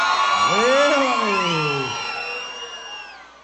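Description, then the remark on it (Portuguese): An audience shouts and whoops together in response to a singer, a loud, sustained roar of many overlapping voices, rising at first and then gradually fading away over a few seconds. “Só quem não vai morrer de amor nunca na vida, dá um grito pra me ouvir, vai.”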